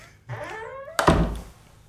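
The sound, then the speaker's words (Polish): A door sound effect prepared for a scene: a drawn-out, squealing creak lasting under a second, then a single heavy thud as it shuts, fading quickly. No one speaks. “Moja ja przygotowałem taki efekt dumna. Drzwi, zobaczymy jak on zabrzmi.”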